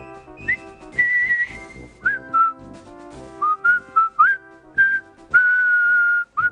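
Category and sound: whistled march tune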